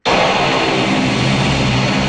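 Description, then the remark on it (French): A loud, steady roar of an airplane engine at takeoff thrust as a plane takes off from the lakeshore at Billy Bishop airport in Toronto, starting abruptly and holding a dense, continuous rush, with no voices. “Les avions ne seront pas pour l'instant plus nombreux à décoller depuis le bord du lac à Toronto.”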